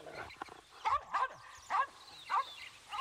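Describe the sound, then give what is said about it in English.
A small dog belonging to someone connected with a jail yaps excitedly amid a commotion, in a quick series of about five high, sharp barks at uneven intervals, moderately loud, with no one talking. “It is reported that at this stage, a small dog belonging to someone connected with the jail became so excited through the commotion going on that he bit Dr.”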